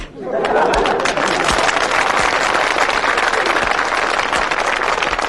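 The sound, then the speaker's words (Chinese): An audience at a stage performance applauds steadily for about five seconds. The dense, loud wash of many hands clapping starts abruptly and holds an even level, with faint crowd murmuring mixed in. “你说观众不给你鼓掌吧，手已经伸出来了；给你鼓掌吧，心里不情愿。”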